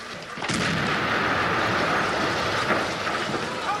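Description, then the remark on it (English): A loud short-fuse demolition charge, placed against the sill of an embassy balcony, explodes sharply, then a dense roaring rumble of noise and debris carries on steadily without fading. No voices. “As they reach the balcony, one places a short fuse demolition charge against the sill.”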